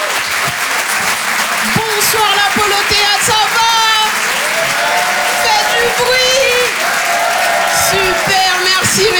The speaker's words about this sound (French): Merci. Waouh, tous les applaudissements, c'est magnifique, vous êtes super beaux.